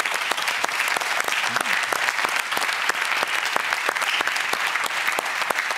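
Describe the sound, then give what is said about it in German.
Steady applause from a crowd for contestants who have just won 2000 euros, dense overlapping claps with frequent sharp individual hits, holding at an even, fairly loud level for the full stretch with no voices. “Applaus.”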